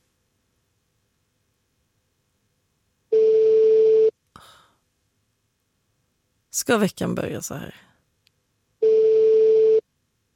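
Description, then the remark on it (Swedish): Two long, steady ringback tones sound on a phone line several seconds apart during an unanswered call, each lasting about a second, while a voice briefly speaks in the gap between them. “Det var väldigt många signaler som går innan telefonsvararen.”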